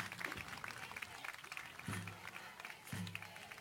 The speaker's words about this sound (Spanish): Muchas gracias. Fuerte el aplauso para nuestro senador.